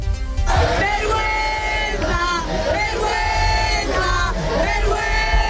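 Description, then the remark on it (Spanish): A large crowd at a protest shouts a rhythmic chant in unison, voices rising and falling in repeated bursts over a steady roar of background noise, loud throughout. “Se puede resumir todo en un grito.”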